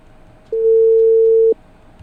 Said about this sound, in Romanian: Pac, sun într-una la domn președinte, dar nu răspunde.